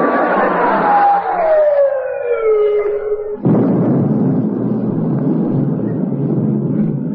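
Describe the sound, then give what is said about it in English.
A naval shell fired from the rest of the fleet whistles in with a long falling pitch, then a sudden loud explosion bursts in and trails off into a sustained roaring rumble of naval gunfire, with no voices. “They're coming from the rest of the fleet. They're all banging off at us.”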